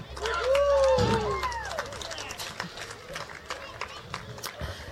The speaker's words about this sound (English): Can we give a big round of applause for my band?